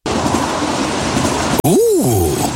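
A loud train roars past with steady rushing rumble, then cuts abruptly to a swooping tone that rises and falls as it passes. No voices.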